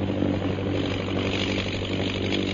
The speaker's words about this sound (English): And the plane's heading south